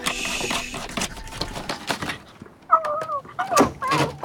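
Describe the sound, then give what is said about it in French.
An owl hoots at dusk in an attic where it nests, in wavering, quavering calls, two or three close together, following a stretch of clattering and rustling noise; no one speaks. “Oh, là, un hibou. Ou une chouette.”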